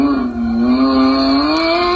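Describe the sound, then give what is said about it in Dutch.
A black ride-in toy Lamborghini's electronic engine-start effect, played when the car is switched on, roars loudly and steadily, a buzzy revving tone with a rising pitch swell near the end. No one speaks over it. “Als je hem aanzet, hoor je namelijk dit.”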